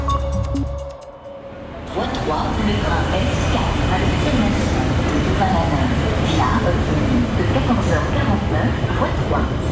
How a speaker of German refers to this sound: Willkommen am Bahnhof Luxemburg. Man hört im Hintergrund, was ist das für eine Sprache? Das ist Flämisch. Das ist Flämisch, ja.